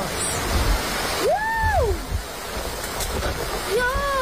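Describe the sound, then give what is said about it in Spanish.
A steady, loud roar of wind and rain from a storm with electric storms after a very hot day, while a person cries out twice over the rushing noise as their clothes drying rack blows away. “un leve respiro tras una jornada, la de este jueves, de muchísimo calor, con una alerta roja que dejó bastantes incidencias porque también vino acompañada de lluvia y de tormentas eléctricas.”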